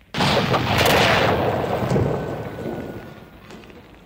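A sudden, loud explosion of signal rockets and gas cylinders on a truck bed bursts in with a deep roar, followed by crackling, rumbling blasts of fireworks-like rockets and gas that slowly fade over several seconds. No one speaks.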